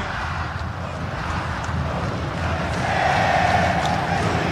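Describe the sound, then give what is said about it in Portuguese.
A massive stadium crowd of Atlético Mineiro (Galo) football supporters sings and chants together during a match in a dense, continuous wall of sound that swells louder toward the end, with a sung tone briefly rising above the din. “Tá cantando a torcida, tá vibrando, tá feliz, tá confiante.”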